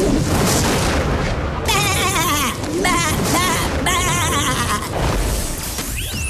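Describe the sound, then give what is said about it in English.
A sheep bleats loudly several times in quick wavering cries, dubbed into a famous movie scene in place of its well-known line, set over a dense, rumbling backdrop of booming noise and dramatic movie sound. “Where I've taken a famous movie scene and replaced that very famous quote with a sheep.”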